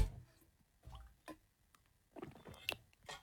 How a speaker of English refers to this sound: Let's all have a team sip, Australia. If you've got water in your hand, ready, let's all have a sip and stay hydrated. Here we go.